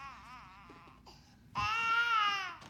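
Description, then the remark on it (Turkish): A baby cries in wavering, high-pitched wails, first a softer whimpering stretch, then a sudden louder, sustained howl that rises and fades near the end. No talking. “Sadece sesini kesmeye çalışıyorum.”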